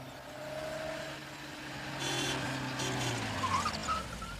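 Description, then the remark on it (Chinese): A car engine hums steadily outside a door with a low, droning rumble that swells slightly partway through, with no one speaking. “过了一会儿，周北风听到门外有汽车声，于是便赶紧出了门，钻进汽车，直奔总部而去。”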